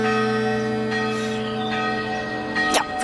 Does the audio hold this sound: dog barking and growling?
no